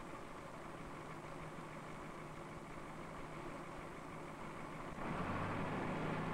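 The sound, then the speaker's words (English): A heavy machine engine, started to judge a problem with the machine, idles steadily with a low, rumbling drone, warming up; about five seconds in the pitch deepens and grows slightly louder as it keeps running. “While he waits for the engine to warm,”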